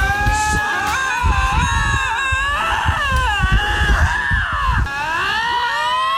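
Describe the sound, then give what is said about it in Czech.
Loud, wavering yowls and screeches from two lynxes, a male and the female he called in, in their first quarrel, overlap continuously, rising and falling in pitch like fighting cats, with harsh snarling bursts underneath and no talking. “A když se to podaří a přivábí, tak první hádka vypadá takhle.”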